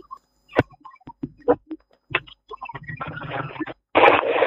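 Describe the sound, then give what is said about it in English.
A radio plays in the background of a caller's phone line, heard as scattered clicks and short crackly bursts that swell into longer stretches of harsh, noisy broadcast sound. “But you better lower radio, no kaka, mama.”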